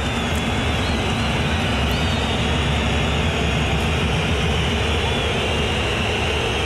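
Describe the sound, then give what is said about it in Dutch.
A huge stadium crowd at the BVB stadium, during a Borussia Dortmund match against Villarreal, roars continuously while shrill whistles rise and fall above the din, a steady, dense wall of noise with no break for the whole stretch. “Het is een streamend fluitconcert geworden hoor in het BVB-stadion.”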